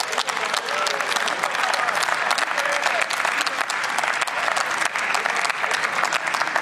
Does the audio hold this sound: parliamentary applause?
yes